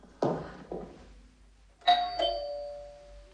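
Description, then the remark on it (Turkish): A doorbell gives a two-note ding-dong chime, its tones ringing on and fading slowly, preceded by a couple of dull thumps; no one speaks. “Dur kızım, hemen açma kapıyı.”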